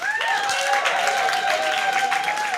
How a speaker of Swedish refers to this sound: En stor applåd för förra årets vinnare.